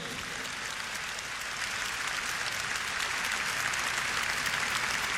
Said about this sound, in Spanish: Un aplauso a Dios que tanto nos quiere.